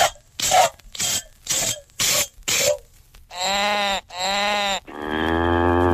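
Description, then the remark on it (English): A cow is milked fast by Farmer Rush Rush: five quick, hissing squirts of milk in a steady rhythm, followed by three loud, drawn-out animal calls. No one speaks. “Milk this cow. Hurry, hurry.”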